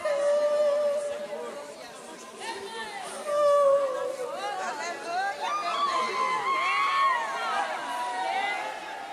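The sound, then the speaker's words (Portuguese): A person screams during an exorcism: high, wavering cries and shrieks rise and fall almost continuously over a dense crowd murmur, with a sharper outburst partway through; the screaming is fairly loud. “Escute. Esse demônio vai gritar.”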